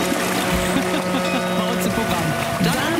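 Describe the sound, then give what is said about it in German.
A harbour launch chugs along on the water, a steady low engine drone with sustained tonal hum and continuous splashing wash, loud and unbroken throughout without any talking. “Wenn die Barkasse so macht, ich mach nochmal.”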